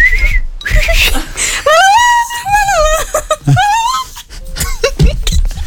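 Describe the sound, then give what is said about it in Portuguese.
High, sweet chirping and trilling notes rise and fall in quick wavering phrases, like songbirds singing brightly, with short pauses between bursts. “E como nos clássicos da Disney, Cinderela é despertada com o som de pássaros e começa a cantar para eles.”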